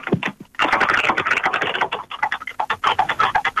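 A sewing machine on display at a museum runs in quick, busy bursts, its rapid mechanical clatter fairly loud and steady after a brief stop near the start, with no voices over it.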